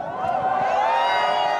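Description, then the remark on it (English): A dense crowd of Spain soccer fans roars and chants together in the street, heading for the center of Barcelona after Spain's win, thumping their chests and setting off fireworks; a loud, sustained wall of overlapping voices with no break, energetic. “As Spanish players prepared to get their medals, a huge part of the crowd peeled off, heading for the center of Barcelona, thumping their chests and setting off fireworks.”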